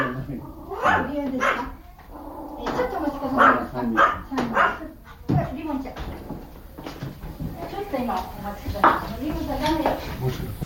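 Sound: dog barking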